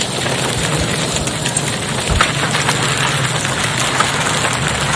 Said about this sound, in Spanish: Granizo, esto que contabas en el arranque del programa, granizos y fuertes ráfagas en Las Rosas, San Genaro y la región. Vamos a escuchar parte de lo que era la tormenta.